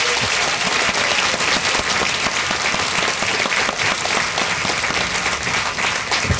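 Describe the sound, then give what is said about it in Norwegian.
An audience in Gudbrandsdalen claps warmly and steadily to welcome Icelandic author Hallgrímur Helgason as a guest, a dense wash of many hands clapping with no pauses for the whole stretch, loud and even throughout. “Ge också Hallgrímur Helgason en varm applaus.”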